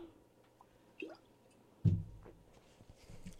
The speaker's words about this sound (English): Take a big drink of water, everybody, right now, and then I'll get back to reading.